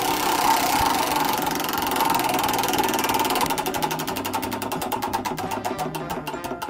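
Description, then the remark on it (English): A spinning Wheel of Games prize wheel, activated by a caller pushing keys on a phone, clatters over a noisy background, its rapid ticking clicks coming through clearly and gradually slowing as the wheel loses speed. “You're going to spin the wheel.”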